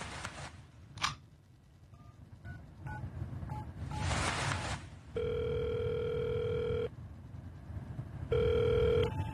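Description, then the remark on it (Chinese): A phone call being dialed to the township head of Shixiangzi Township: short tone beeps tap out a number, then a steady ringback tone sounds in long repeated bursts over a low background hum. “嗯，哎，对了，我认识石箱子乡的乡长，要不我打个电话问问他。”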